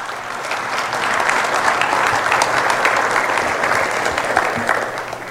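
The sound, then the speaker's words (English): A crowd of people clapping steadily, a dense, sustained wash of applause that holds at an even level for several seconds with no voices rising above it. “Applaud or prayers?”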